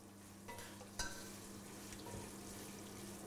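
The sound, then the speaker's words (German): Busy kitchen cooking sounds: steady sizzling and stirring with a low background hum, broken by a few light clinks and taps near 0.5 and 1 seconds, as a woman cooks a festive meal of specialties from her home country. “In der Küche wird gewirbelt.”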